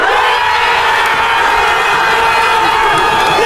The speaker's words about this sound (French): quand Dan Ndoye égalise à la 67e minute, la foule new-yorkaise est en délire